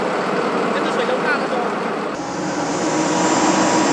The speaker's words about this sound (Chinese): 快艇行驶非常迅速，但也最怕搁浅，只能寻找水深的地方前行。快艇上的人员是来自横州市的民间救援队，他们中午到达云表，在政府统一调配下参与物资发放工作。